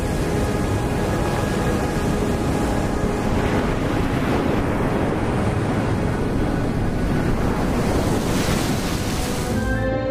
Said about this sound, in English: The secluded Costa Verde, the green coast in the southwestern part of Sardinia, is known for its strong surf.